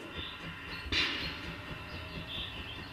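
The large narrow-gauge steam locomotive of the Rügensche Bäderbahn rumbles steadily at Putbus station during a station festival with cab rides, with low mechanical churning and a brief sharp hiss of steam bursting out near the start.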